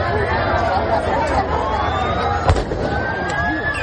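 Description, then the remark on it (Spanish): A noisy crowd of hundreds of Ceuta residents protesting at the entrance to the port of Ceuta murmurs and shouts continuously, and partway through a single sharp gunshot fired into the air by Spain's National Police cracks out above the hubbub. “Cientos de ceutíes se marcharon a la entrada del puerto de Ceuta, donde iban a llegar estos activistas proetarras del grupo …, una tensión que intentó disipar la Policía Nacional a base de disparos al aire.”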